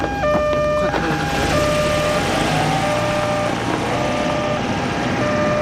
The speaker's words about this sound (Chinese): 这是救护车，当然是救命了。